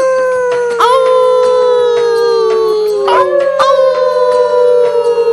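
Several wolves howl together in long, sustained, wavering tones that slowly slide downward and overlap, loud, filling the whole stretch without any talking.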